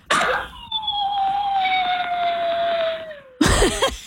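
Fred, a big two-year-old dog, thought to be a Pyrenees crossed with a retriever and maybe some husky, lets out one long, sustained howl, a steady mid-pitched note that slowly sinks over about three seconds, with brief rough, noisy bursts just before and after it.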